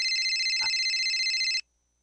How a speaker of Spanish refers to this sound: ¿Está sonando un teléfono? ¿Qué, no les dijiste que pagaran los celulares? Está sonando...